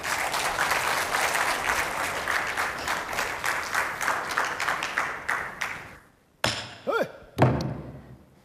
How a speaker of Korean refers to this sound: 박수 좀